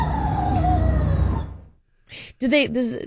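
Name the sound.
rooster crowing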